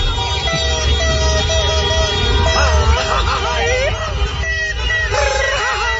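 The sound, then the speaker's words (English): A loud, crowded street scene outside Team Ecuador's hotel in the middle of the night, called El Sondito, where car horns blare again and again over a dense din of drums, fireworks and shouting voices, all continuous. “Drums, fireworks, car horns. Actually, you're not that far off.”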